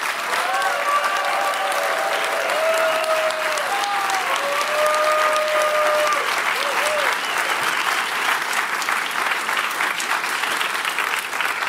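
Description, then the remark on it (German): An audience at a book reading applauds a reader steadily and loudly for about twelve seconds, a dense wash of many hands clapping that keeps an even level throughout, with a few faint tonal sounds beneath it early on. “Komm, nochmal ein Applaus bitte für unsere Sprecherin.”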